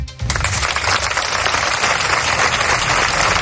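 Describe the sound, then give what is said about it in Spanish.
A crowd bursts into sustained applause after a brief quiet moment, ending a minute of silence held on Monday at the University of Granada. Many hands clap densely and loudly, continuing steadily without voices. “Así, con aplausos, terminaba el minuto de silencio que tenía lugar este lunes en la Universidad de Granada por Claudia, la estudiante de ese centro asesinada en el estado mexicano de Morelos.”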